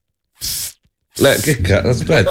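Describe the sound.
A person imitates an anti-mosquito repellent spray with one short, breathy hiss from the mouth, fairly loud. Right after the hiss, a person starts speaking.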